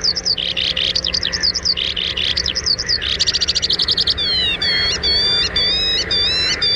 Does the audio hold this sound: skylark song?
yes